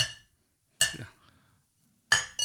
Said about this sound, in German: Ich habe übrigens einen Schnaps halt mitgenommen, schau. Das trinkt man ja auch immer ganz gerne bei uns in der Branche, oder? Da, schau, stoß mal an, haben wir schönes Schnaps, genau, schau.